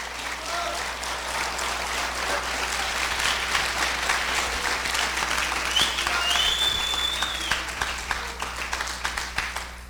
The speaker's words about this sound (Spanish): En cambio nosotros, por eso hermano, gracias por los aplausos a Cristo Jesús.